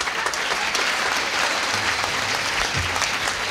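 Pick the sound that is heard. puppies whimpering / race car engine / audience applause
audience applause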